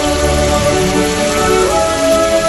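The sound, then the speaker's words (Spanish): Heavy rain from a storm pours down in a dense, steady, loud roar, with a continuous wash of drops drumming on surfaces and no voices, during a downpour in Viescas. “Una tormenta con una lluvia muy fuerte puede dejar entre 20 y 30 litros por metro cuadrado.”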